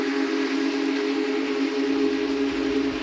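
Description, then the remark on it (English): A loud, sustained whistle from a Big Boy steam locomotive blows steadily for the full few seconds, a rich chord-like tone with no pauses, dominant over faint rumbling. “Please don't hesitate to tell your fellow Americans, hey people, I talked to the train engineer and he told me to tell you to stand back, always 25 feet back. And if not, the big boy's whistle will most certainly remind them.”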